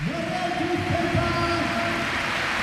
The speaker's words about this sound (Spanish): Y ahí está el aplauso de Balaídos para Iago Aspas.